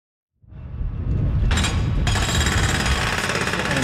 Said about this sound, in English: the sounds of building at a construction site just across the street start to drown out our